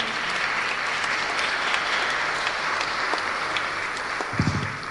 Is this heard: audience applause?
yes